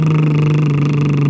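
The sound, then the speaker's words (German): A person holds a steady voiced lip trill, buzzing like a car engine at one even, comfortable pitch, loud, for just over a second, as the third round of a voice exercise. “Das wäre dann ganz normal wie ein Auto.”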